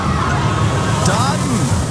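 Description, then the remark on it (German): A roller coaster ride sound effect, the 'winner roller coaster' played on the radio between two songs: a loud, steady rumbling rush of cars on track with a murmur of crowd noise and a few sliding, whooshing tones, continuous throughout. “Sobald die Gewinner-Achterbahn wieder zwischen zwei Songs hier im Radio läuft, das ist das Geräusch.”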